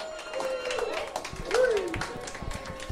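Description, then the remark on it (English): Audience applause for a performer at a bar's Saturday event: a dense patter of clapping hands with whoops and cheering voices over it, holding steady at a moderate level and swelling briefly midway. “Can we get another round of applause for …?”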